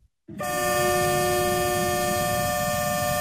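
A freight train sounds a long, steady horn blast over a low, continuous rumble of rolling cars, starting abruptly after a brief silence and staying loud throughout. It is the Zhejiang China-Europe Railway Express "Yixin'ou", loaded with daily goods, auto parts and machinery, slowly pulling out of Yiwu West railway station, bound for Russia via Manzhouli.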